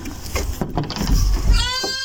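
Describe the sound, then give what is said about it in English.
A short, wavering bleat from pet pygmy goats Vernon and Basil, with a nasal, trembling quality, rises near the end. It is preceded by a burst of rough, noisy sound and is fairly loud. “That's a goat. The pygmy goats, Vernon and Basil.”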